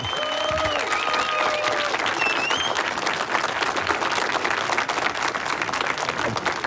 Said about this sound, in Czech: zasloužej si teda za ten výkon potom velký potlesk a pěkný přivítání od nás všech. Můžeme to teď natrénovat, zkusme, oni nás tak neuslyší, ale posluchači ano, aby věděli, jaká je tady atmosféra.